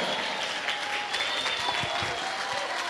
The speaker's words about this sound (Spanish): Ponte de pie, dale un aplauso al Cordero.